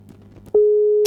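A steady, loud telephone line tone from an incoming call-in caller starts abruptly after a brief stretch of low background murmur and holds a single pitch until the end, like a busy or disconnected signal.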